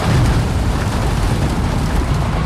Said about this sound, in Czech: Nakladač před cukrovarem v Litovli na Olomoucku sype na dopravník další tuny cukrové řepy.